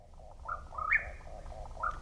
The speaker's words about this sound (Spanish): Parece cualquier cosa menos un pájaro. Es el chotacabras cuerpo ruin mexicano, también conocido como tapacaminos, nombre científico Antrostomus arizonae.